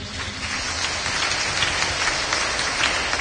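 A crowd applauds steadily for Christ Jesus, many hands clapping at once in a dense, continuous wash of claps that holds at a fairly loud, even level throughout, with no voices standing out.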